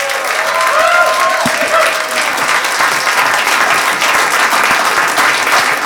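An audience at a studio session at radio station 88.9 bursts into loud, sustained applause for a musician, with scattered cheers and whoops, the clapping dense and steady from start to finish with a few higher shouts rising above it early on.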